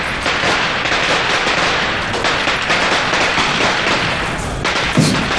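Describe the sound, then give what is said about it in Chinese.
A long, loud string of firecrackers set off for a birthday celebration crackles nonstop, a dense rapid rattle of sharp pops with occasional heavier bangs, filling the whole stretch with no voices heard. “鞭炮太响，一会儿再说。”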